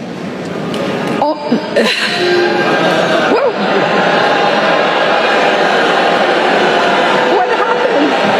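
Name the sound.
crowd booing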